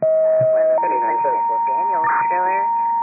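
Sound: fire dispatch alert tones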